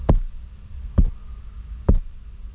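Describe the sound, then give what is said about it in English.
Three slow, evenly spaced knocks, each a dull, low thud about a second apart, with a faint steady hum between them and no voices. “Amma," followed by three slow knocks.”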